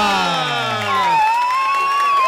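A loud crowd cheers and whoops as a guest is welcomed on a radio show, with high, sliding shouts rising over a steady roar of voices that lasts the whole moment.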